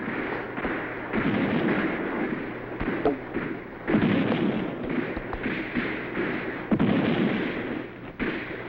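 Repeated booms of cannon fire from a cannon on a hill ring out at irregular intervals over a dense, continuous roar of battle noise, with sharper cracks scattered throughout and no voices.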